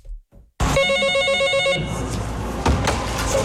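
A telephone rings with a bright, trilling electronic bell at the approval service window of the Fuxin Market Supervision Administration, a help call from a shop owner with limited mobility. It starts abruptly, sounds loud for about a second, then gives way to ambient noise with a soft click.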